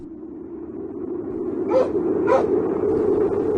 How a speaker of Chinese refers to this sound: 忽然觉得有什么东西在触碰他，是一只狗，一只体大如豹的狗，浑身黑毛，在月光下闪着黑缎子般的光，粗颈方头，大耳阔嘴，样子十分的凶猛。他叫黑豹，名字是工程连的知青们起的。